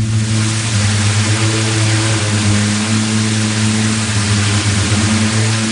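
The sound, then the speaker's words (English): A singing sand dune in Oman as countless sand grains of varying sizes rub together and vibrate rolling downslope, giving a loud, steady low drone made of several overlapping humming notes, sustained without a break over a rushing, hissy background. “The sound is made by countless grains of sand rubbing together and vibrating as they roll down the dunes.”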